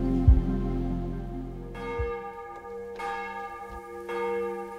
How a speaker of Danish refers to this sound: Så klinger klokkerne fra Vor Frue Kirke ud over Københavns tage, og nu også ud over det ganske land.